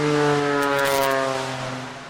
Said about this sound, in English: There's no airport around here anywhere, but we have a lot of planes. Yeah. Yes. Airplane noise. Isn't it great?